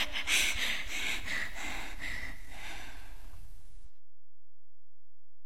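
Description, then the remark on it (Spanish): Heavy, rapid breathing, a run of rough, noisy breaths for about four seconds before cutting off abruptly into silence. No talking. “respiración.”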